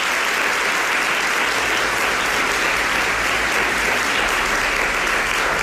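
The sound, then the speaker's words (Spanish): Sustained audience applause for colleagues Borja Troya, Gonzalo Blasco and Daniel Ramos, thanked for how well everything sounded, fills the whole stretch. It is a dense, steady wash of many hands clapping at once, loud, with no pauses or voices standing out. “porque si todo esto se ha escuchado tan bien y ha estado tan acorde, ha sido gracias a los compañeros Borja Troya, Gonzalo Blasco y Daniel Ramos, que están escondidos ahí en una habitación, pero con los que también se merecen un aplauso.”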